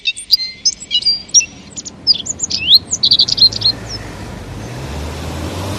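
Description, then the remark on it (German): Lively, busy bird chirps and twittering calls on a warm, cloudless morning fill the first few seconds before thinning out as a low road traffic rumble grows underneath while people head to work. “Draußen ist es warm und laut geworden und die Vögel sind auch weg.”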